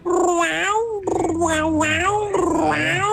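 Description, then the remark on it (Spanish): A person mimics a cat as a hidden talent, producing three or four loud, drawn-out meows in quick succession, each pitch wavering and sliding, with no other speech around them. “Mi talento oculto es hacer como gata. Miau, miau.”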